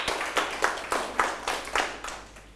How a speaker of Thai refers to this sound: เอาปรบมือเพื่อนหน่อยครับ